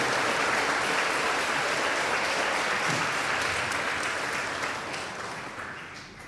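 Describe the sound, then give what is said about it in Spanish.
An audience at a Eucharist in a sanctuary claps together in sustained, dense applause for the Lord, staying loud for several seconds before gradually thinning and fading toward the end. “Le brindamos un fuerte aplauso a nuestro Señor, al que amamos y veneramos con mucha confianza.”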